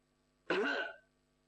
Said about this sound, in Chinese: 他咳嗽一声，这人一回头和这龙仁凤的目光一对